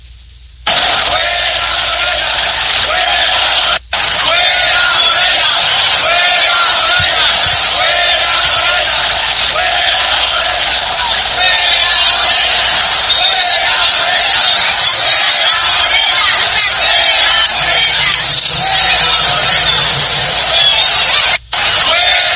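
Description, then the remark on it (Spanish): A huge stadium crowd roars and chants the protest slogan "fuera Morena" together, a dense, loud, continuous wall of voices that carries on for over twenty seconds, broken only by two very brief cut-outs. “Preguntan que si hubo grito de fuera Morena en el estadio.”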